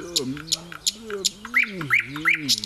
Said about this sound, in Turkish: Bülbül, sen de geldiğine göre rahat bir uyku çekebilirim.